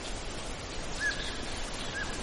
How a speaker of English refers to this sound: That's a sound across a little bit of water from me. It was a gray jay.